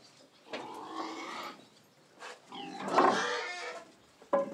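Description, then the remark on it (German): Several pigs in a farm stall in the Spreewald grunt and squeal in a series of loud, rough bursts with short pauses between them, the last one a sharp squeal. “Dann könnt ihr ein bisschen an die Sonne. Na. Schweine mögen es sauber.”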